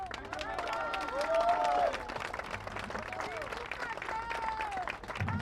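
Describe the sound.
A large audience applauds steadily for several seconds, dense clapping filling the room while voices rise and cheer over it, swelling slightly near the middle before continuing at an even level.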